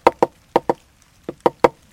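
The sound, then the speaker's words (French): Sharp knocks on wood imitate a woodpecker drumming on a dead tree to make a hole to find ants: seven crisp taps in uneven bursts, two quick pairs and then a run of three, with silence between. “Puis le picatard, le pivert, il cogne dans un arbre sec pour faire un trou pour trouver des fourmis.”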